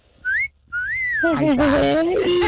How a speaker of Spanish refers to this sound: Sí, ya casi califica para el chiflidito